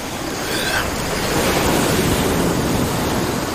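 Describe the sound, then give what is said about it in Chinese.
Ocean waves break and wash onto a beach in a steady, loud roar of surf that swells a little after the first second and holds on, with no voices. “在海浪声的遮掩下，这种声音难以被人类察觉”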